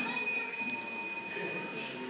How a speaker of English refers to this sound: Okay, so the next one, ring the bell.